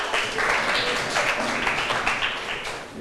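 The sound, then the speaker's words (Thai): A class of students clapping together for a classmate, the representative of group 1, in a steady, dense patter of hand claps that holds at an even loudness for about three seconds, with no voices on top. “กลุ่มแรกที่คุณครูจะให้ออกมาขอเชิญตัวแทนของกลุ่มที่1ปรบมือให้เพื่อนหน่อยค่ะ”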